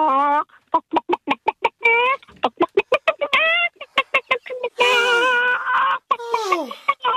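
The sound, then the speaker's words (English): A person imitates a frantic, stressed chicken trying to run away: rapid strings of sharp clucks and squawks, then longer drawn-out panicked squawks near the end, loud, with no other talk. “I can do a chicken and stress. That's stress. A stress. Trying to run away. A stressed out chicken.”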